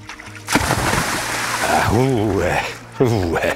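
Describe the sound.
A heavy splash as someone does a cannonball jump into the sea at Klippeøen on a sunny day, a burst of churning water, followed by loud voices shouting and exclaiming over the settling slosh.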